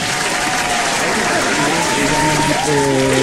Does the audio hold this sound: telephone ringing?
no